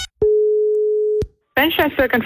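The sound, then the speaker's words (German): A single steady telephone ringback tone sounds for about a second on a call to a shop in Eckernförde, followed by a brief pause before a voice answers the call and begins speaking. “Und da habe ich in einem Geschäft in Eckernförde angerufen und wollte meine Übergangsjacke wieder zurückgeben.”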